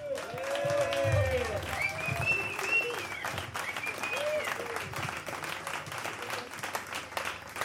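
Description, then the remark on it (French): A crowd at a song festival applauds the opening act steadily with dense, overlapping clapping, mixed with cheers and a few rising whoops and whistles; the applause stays loud throughout, easing slightly toward the end. “Et nous pouvons aussi encore remercier et applaudir bien fort à notre première partie”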